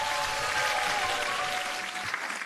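Steady audience applause fills the moment, a dense wash of many hands clapping at an even level, with no voices over it.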